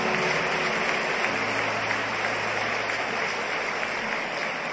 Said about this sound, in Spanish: Y dele aplausos a él. Amén.